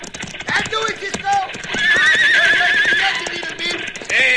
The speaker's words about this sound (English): Look out, Cisco. Horses crowd them over the edge.